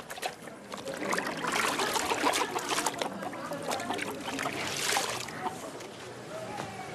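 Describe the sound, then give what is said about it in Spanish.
Wet clothes are lifted out of water to dry, with steady splashing, sloshing and a rush of dripping and trickling, continuous for several seconds with brief louder surges. “Saca ya la ropa del agua para que se seque antes de la noche.”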